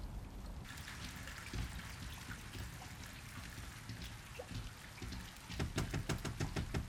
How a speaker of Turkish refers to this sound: Fırtınanın tam ortasındayız.